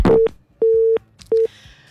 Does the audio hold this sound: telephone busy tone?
yes